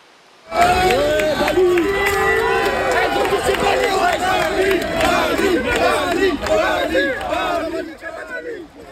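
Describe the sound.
A large, agitated crowd of protesting students in Saint-Denis, France, shouts and screams in a chaotic uproar as gendarmes use gas to disperse them, many voices overlapping loudly, sustained for several seconds before easing slightly at the end.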